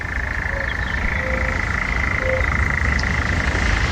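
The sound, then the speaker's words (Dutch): A European nightjar churrs without pause at night at camping La Viorna near Potes in the Picos de Europa, Spain, a steady, dry mechanical trill holding one pitch for the whole stretch over a low background hum. “Ja, daar zit iedereen op de camping lekker te luisteren naar de nachtzwaluw.”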